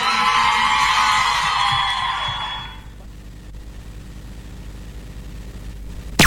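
An audience claps and cheers loudly, with a dense wash of applause and some whoops for nearly three seconds, then it cuts off to a low, steady background hum.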